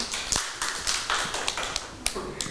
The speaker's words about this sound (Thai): ยอดเยี่ยมเลยค่ะปรบมือให้